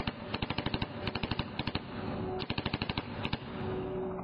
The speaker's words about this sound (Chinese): 我缩身向后急退，跃向身旁的岩石后边，以便跟对手保持一个安全的距离，手中的芝加哥打字机也在同时转掉枪口，对准红雾中的东西一阵射击。